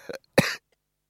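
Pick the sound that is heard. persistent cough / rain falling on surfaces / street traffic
persistent cough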